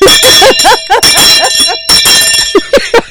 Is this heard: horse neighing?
no